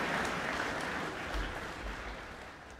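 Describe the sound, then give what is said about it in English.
Sustained applause from a concert audience after pianist Pahvali Jonkanen's performance of Beethoven's Piano Sonata No. 23 in F minor, the Appassionata, a dense steady wash of many hands clapping at a fairly even level, with no voices heard over it. “The applause going on.”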